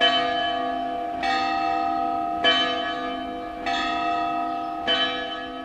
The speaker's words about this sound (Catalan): Li podríem dir el WhatsApp d'un temps, el telèfon del segle XVIII, XIX, de l'edat mitjana. De què parlam? I de les campanes, que són tot un patrimoni que hem de conservar i que ni tan sol sabem que tenim.